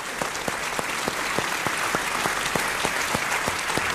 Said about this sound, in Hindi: वाह वाह, बजाइए ताली जोर से।